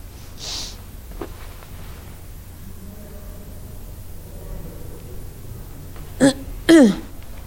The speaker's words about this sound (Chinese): 干啥呢？我听着他打呼噜了。 个二货， 昏迷了都不安分。